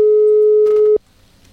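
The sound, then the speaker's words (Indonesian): A telephone ringback tone during an outgoing call: one steady, loud, hum-like beep lasting about a second, then cutting off to quiet line noise, with faint rustling near the end of the tone. “Oke, kayaknya masih berdering nih.”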